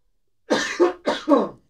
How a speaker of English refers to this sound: Sorry, I had to clear my throat.